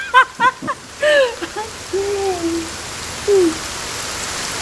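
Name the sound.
rain falling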